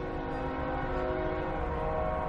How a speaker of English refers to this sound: Sometimes the train rolling through Sunbury, Pennsylvania on 3rd Street, just one block away, sounds like it's pulling up to the house.